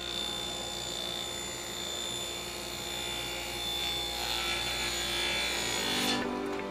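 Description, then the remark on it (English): Steady, high-pitched whine of circular saws cutting plywood and 2x4s into furniture in a wood shop at a St. Vincent de Paul thrift store in Fort Wayne, Indiana, a continuous rasping buzz with a constant hum underneath that swells and shifts, then cuts off abruptly near the end. “The hum of circular saws gives life to this wood shop, housed in a corner of a St.”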